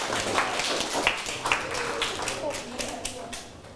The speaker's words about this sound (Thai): ได้กี่คะแนนเอ่ยต้นทางได้8คะแนนเต็มทุกคนเลยปรบมือให้ตนเองครับ